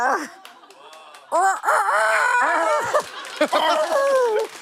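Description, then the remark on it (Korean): A human voice imitates a rooster crowing: loud, drawn-out wavering calls that rise and fall in pitch, repeated in a few bursts over several seconds with no other talking. “조만간 아침이다. 그 형 조만간 큰 닭이 될 수도 있는 형.”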